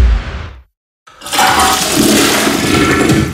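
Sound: toilet flushing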